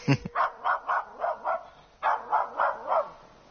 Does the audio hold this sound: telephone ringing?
no